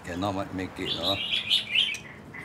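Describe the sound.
A voice speaks briefly at the start, then a busy chorus of many birds takes over, with bright, high-pitched chirps and trills overlapping in quick, rapid bursts.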